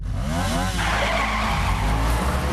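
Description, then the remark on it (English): A motorbike ridden at speed into a car park skids to a halt as the rider pulls a little back wheelie: a rising, wavering engine whine gives way to a loud, rough scrape of tires sliding on pavement that fills the rest of the moment. “He rides at speed into a car park, pulls a little back wheelie as he stops the bike, then takes off his helmet and dismounts.”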